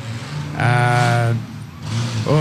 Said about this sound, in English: Now, you people that are listening to our broadcast on your local radio will be able to hear some of these cars going through.